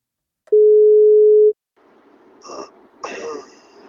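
A single steady telephone ringing tone lasting about a second, from a birthday wake-up call placed by radio station NFM, followed by quiet line noise and a couple of soft rustling clicks, as if a handset is being picked up.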